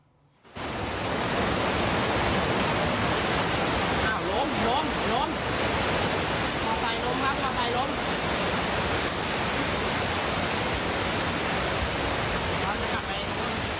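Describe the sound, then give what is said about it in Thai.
A steady, dense roar of heavy rain mixed with rushing floodwater fills the whole recording, loud and constant from start to end, with faint indistinct voices buried underneath; late at night in Pattaya, Chonburi, Thailand, after over an hour of continuous heavy rain flooded main roads nearly a metre deep. “นี่คือกลางดึกของเมื่อคืนครับฝนตกหนักต่อเนื่องนานกว่า1ชั่วโมงที่พัทยาชลบุรีทำให้น้ำไหลเข้าท่วมหลายพื้นที่อย่างรวดเร็วโดยเฉพาะถนนสายหลักบางจุดเนี่ยน้ำสูงเกือบเมตร”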